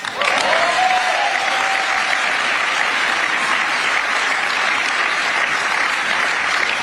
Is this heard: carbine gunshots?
no